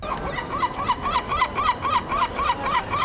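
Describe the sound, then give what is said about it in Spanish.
A peafowl gives a rapid series of short, honking mating calls in a steady rhythm during the spring mating season, clear over a faint outdoor background hum with no voices. “Por no hablar de sus cánticos amorosos en la época de apareamiento, que es precisamente ahora, en primavera.”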